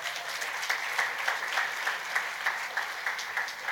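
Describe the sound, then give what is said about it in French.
A crowd applauds a presenter from Yesis, part of the NGO Christian Vision; steady, dense hand claps with brief louder bursts rising and falling throughout, no voices heard. “Applaudissez-le, il est génial, regardez.”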